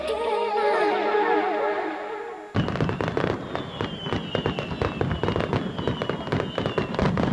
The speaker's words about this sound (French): Dans le cadre de leur fête à Sauvé-Singe les 15 et 16 août, alors un feu d'artifice était prévu, mais bon, un arrêté préfectoral interdit les feux d'artifice